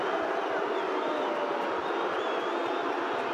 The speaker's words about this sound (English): Trots in. And misses right. Carlton fans cheer it like a goal.